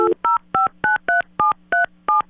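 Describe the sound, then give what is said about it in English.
A quick, even run of eight telephone keypad tones, each a short two-pitch beep, dialed one after another over a faint steady hum, as a call is placed on a live radio broadcast to the Santa Maria store. No one speaks. “When Rich is gone, I have to remember to pick up the phone and call”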